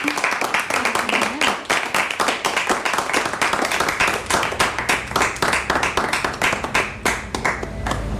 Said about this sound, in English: Thank you, everyone. Thank you. Yeah, you're allowed to clap your hands. Thank you very much.